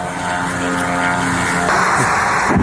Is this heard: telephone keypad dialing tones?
no